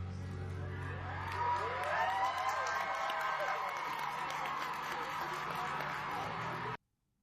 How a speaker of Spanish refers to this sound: Los fanáticos aplaudiendo.